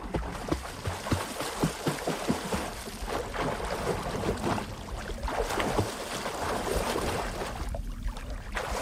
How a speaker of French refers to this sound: Voilà, bruit de clapotis dans l'eau. Et c'est vrai qu'on évoque souvent la natation quand on est enceinte parce que l'eau vous porte.